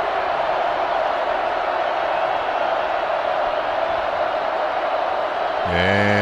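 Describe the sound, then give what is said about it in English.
A large Red Raiders college football stadium crowd roars loudly and steadily for several seconds as Houston's field goal team sets up for a 29-yard try, a dense wall of noise with no pauses. Near the end a sustained tonal blare, like a horn, cuts in over it. “Red Raider crowd trying to help out here.”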